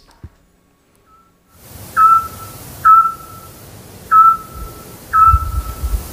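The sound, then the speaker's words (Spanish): A scops owl calling at 10 pm in the town centre of Peñaranda de Duero gives four short, clear whistled notes at a steady pace of roughly one per second, each a single pure tone, over a low background hiss of night ambience. “Hombre, el autillo.”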